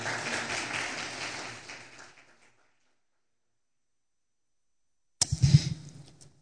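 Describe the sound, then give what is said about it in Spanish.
An audience applauds for God in a dense, steady wash of clapping that fades out after about two seconds, then silence, followed by a short, sharp burst of sound near the end. “Otro aplauso por Dios, por el Señor, por favor.”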